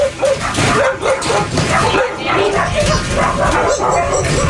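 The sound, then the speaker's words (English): Several dogs bark and yip in a busy, overlapping chorus at a foster home-based animal rescue in a small house in West Tampa, with a few whimpers mixed in, loud throughout, and a human voice faintly audible underneath as someone tends to the dogs. “is tending to the dogs at the Merciful Project, a foster home-based animal rescue located at a small house in West Tampa.”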